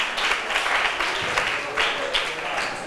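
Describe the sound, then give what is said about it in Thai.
A group of students claps steadily for about three seconds for their classmates of group 4, a dense, even patter of many hands with small swells, no voices rising above it. “ขอบคุณกลุ่มที่4ปรบมือให้เพื่อนหน่อยค่ะ”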